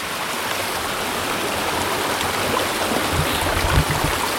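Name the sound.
flowing creek water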